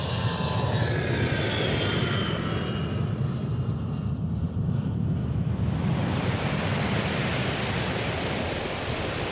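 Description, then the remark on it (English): A loud, steady jet-engine roar from an airplane bound for Beirut on a runway, with a higher whine early on that fades into an even rushing rumble. No one speaks. “The plane to Beirut was parked on the runway.”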